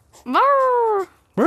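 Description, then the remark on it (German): A person imitates a barking raccoon with their voice: one drawn-out, rising, nasal call lasting almost a second, then a second call starting. Fairly loud, with no other sounds. “Dann lass doch mal deinen Waschbär hören.”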